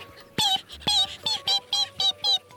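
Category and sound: bird, ducklings peeping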